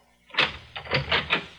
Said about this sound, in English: Just a moment. I'll open the door.